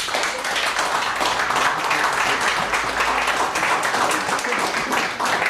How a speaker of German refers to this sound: Team Nummer 1. Stadtmenschen. Applaus für Stadtmenschen.